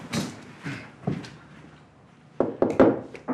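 Knocking on a wooden door: three slow, spaced knocks, then a quicker cluster of three or four sharper raps. Fairly loud, with no talking.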